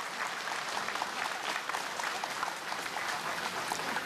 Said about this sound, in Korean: 다시 한번 종정 예하께 큰 박수로 존경과 감사의 마음을 올리겠습니다.